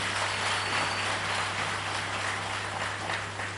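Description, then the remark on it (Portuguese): An audience at the 12th edition of the Prêmio Jovem Criativo in Mozambique applauds steadily, a dense, even wash of many hands clapping that holds at a constant moderate level for a few seconds, with a faint low hum underneath. “Uma grande salva de palmas para vocês.”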